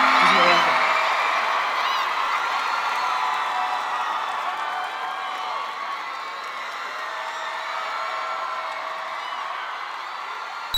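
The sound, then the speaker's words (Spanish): A large audience applauds and cheers continuously, with scattered whoops and shouts rising above a dense wash of clapping that stays loud and steady for the whole stretch. “fuerte un aplauso, por favor.”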